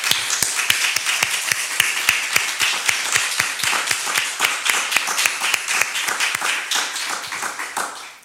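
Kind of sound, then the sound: crowd, audience applauding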